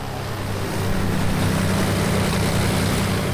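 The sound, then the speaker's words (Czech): Four aircraft, started up on the ground in front of a hangar, idle together, a dense, steady low-pitched drone with a buzzy propeller rumble that swells slightly after the first second and holds loud throughout. “Čtyři nastartovaná letadla zní na zemi před hangárem takto.”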